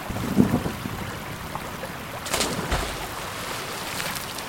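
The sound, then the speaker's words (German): A steady, full roar of rushing water from a river swollen by snowmelt, heard from a bridge, constant, with a brief louder surge early on and another gush midway, mixed with some wind noise. “Wir sind jetzt auf der Brücke. Die Schneeschmelze hat den Fluss ganz schön anschwellen lassen.”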